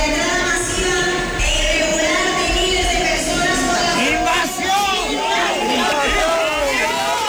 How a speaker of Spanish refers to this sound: De personas interrumpían así el manifiesto que leía la alcaldesa del Partido Popular al grito de invasión. Es un grito, un cántico que se ha repetido en buena parte del país.